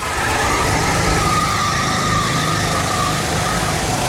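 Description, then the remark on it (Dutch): Go-kart engines race on the Silverstone circuit in a loud, continuous roar, with high whining tones rising and falling as the karts pass by; a race against about 100 people in karts. “Ja, op het circuit van Silverstone nam hij het op tegen 100 mensen in een kart.”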